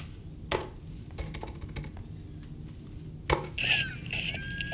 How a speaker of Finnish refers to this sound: Ja nyt jos sä kelaat siihen ovikoodin näpyttelyyn.